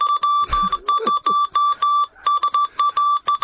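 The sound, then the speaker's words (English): Morse code telegraph beeps: a single steady mid-pitched tone keyed on and off in a brisk run of short and long pulses, loud and clear, with a brief low rumble early on. “Yeah, my pop was a telegraph operator with the New South Wales Railways back in the day, so everything was done by Morse code from what was called.”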